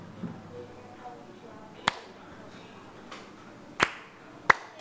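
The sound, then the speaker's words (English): Three sharp hand claps ring out at uneven intervals, crisp and fairly loud, over a low murmur of background noise and faint voices, clapped as part of a Valentine's chant spelling out the word heart. “A-R-T, clap.”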